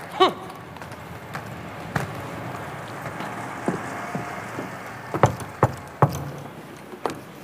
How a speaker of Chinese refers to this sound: 听见没有？多么正常不过的敲门。